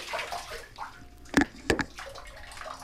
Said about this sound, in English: Get your paws out of the bathtub. You're getting water all over the floor.